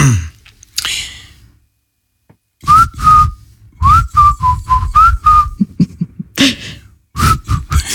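A person whistles a pop melody up close in several short phrases with brief pauses, the tune wavering slightly in pitch, with a few soft breaths and faint background noise between phrases.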